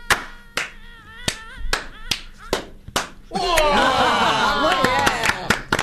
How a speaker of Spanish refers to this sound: Un aplauso. Cada vez más desparramado. Matamos mosquitos. Qué aplauso disléxico. ¿Vamos a hacer un aplauso en ola? ¿Así? En degradé. Arranco en degradé. Yo. Dale. Un aplauso.